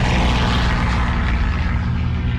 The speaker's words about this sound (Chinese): 1938年11月20日，这天清晨，延安上空突然响起飞机的轰鸣声，刺耳的防空警报刚刚响起，人们就马上听到了巨大的炸弹爆炸声，整个延安的大地都在震颤。这是日本侵略者第一次空袭延安